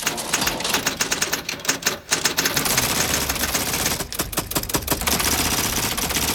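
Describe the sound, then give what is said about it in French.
A dense, overlapping clatter of hundreds of typewriters, their keys striking rapidly and unevenly by themselves, a continuous loud mechanical chatter with bursts of sharper clicks and no voices. “Mais regarde, elles bougent toutes seules, les lettres. On dirait qu'il y a des doigts invisibles qui appuient dessus.”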